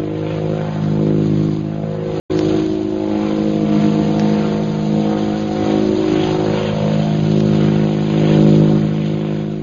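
airplane engine circling overhead

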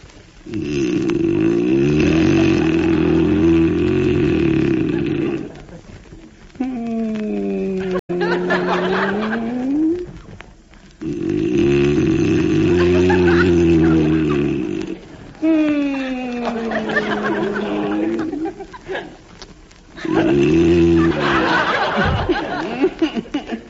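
man snoring

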